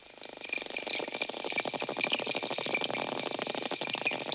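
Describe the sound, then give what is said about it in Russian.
Dolphins make rapid, crackling trains of echolocation clicks with steady high whistling tones, which they use to communicate, running through them, continuous and fairly loud for several seconds, with no voices. “Дельфины издают три типа звуков. Свист, который им служит для переговоров, а скрежет и щелканье – звуки их локатора.”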